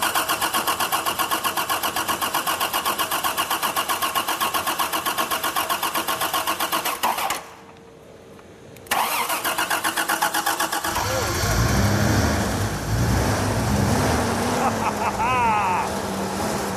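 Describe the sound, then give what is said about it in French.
An old car with no ignition key is started without the key: the engine cranks in a steady, rapid mechanical churn, falls silent briefly, cranks again, then catches and settles into a rough, rumbling idle with lumpy low-pitched pulses. “Quand la voiture est arrivée, elle n'avait plus de clé de contact, à se demander si son propriétaire ne l'avait pas gardée en pendentif.”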